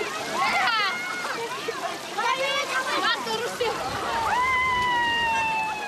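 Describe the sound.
Water sloshes and splashes steadily as young men and elders wade through the deeper parts of a spring, searching through weeds and mud during a celebration day, beneath a lively crowd of overlapping voices and high children's calls, fairly loud throughout.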